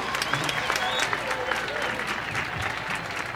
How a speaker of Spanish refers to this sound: Y por aquí se encuentra …. Un aplauso para ….